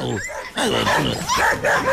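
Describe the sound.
A person imitates a dog barking, voicing a quick series of yappy, yelping barks and whimpers, loud and continuous over about two seconds.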